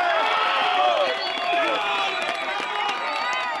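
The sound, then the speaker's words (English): A crowd cheers and calls out together in a steady, lively swell of many voices, with scattered clapping mixed in, sustained for a few seconds at an even level, as rescue teams retrieve a woman trapped for a day and a half after a 7.4 magnitude earthquake. “Applause rang out today after rescue teams retrieved one woman who had been trapped for a day and a half.”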